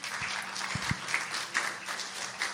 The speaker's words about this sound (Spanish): Dale un aplauso al Señor porque Él es bueno y se lo merece.